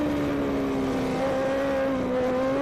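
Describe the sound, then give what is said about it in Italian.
High-revving 600cc racing motorcycle engines drone steadily on the Modena circuit, a strong harmonic whine that shifts pitch slightly as the bikes run, loud and continuous with no voices. “passano sul traguardo, sul circuito di Modena, circuito bello, impegnativo, tortuoso, che sicuramente non sfoggia tutti i cavalli del 600 che stiamo vedendo all'opera in questo momento, ma che si basa di più sulla tecnica dei piloti.”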